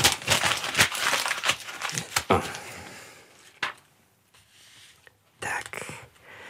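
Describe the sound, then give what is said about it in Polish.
A wasted sheet of paper from a letter being written is crumpled, giving a dense burst of crackling and crinkling for a couple of seconds, followed by a quiet pause, scattered rustles and one last crinkly squeeze. “Zmarnowałem kartkę.”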